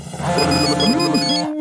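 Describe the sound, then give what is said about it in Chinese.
A smartphone, dialed by its owner and hidden in Garfield the cat's mouth, rings with a steady electronic ringtone, a looping melodic tune that plays continuously and fairly loudly for a couple of seconds with no one speaking. “到现在还想耍我，我现在就拨我的手机号码。”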